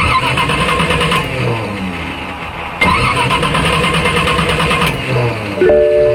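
An old car engine cranks and sputters in repeated bursts, struggling to catch, with loud mechanical grinding and rattling that restarts after brief drops, never settling into a steady idle.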